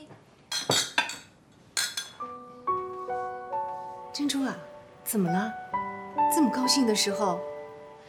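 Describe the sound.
Glasses clink together in a toast, a few bright chimes near the start, followed by voices talking over sustained musical tones.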